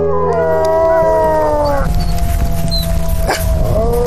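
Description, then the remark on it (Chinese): A pack of wolves in mating season howls together on a snowy plain at -30°C in a bitter cold wind, long overlapping wavering tones that rise and slide against a steady low rumble, loud, the chorus thinning out toward the end. “此时气温已经降到了-30摄氏度，凛冽的寒风让发情的狼群更加躁动。”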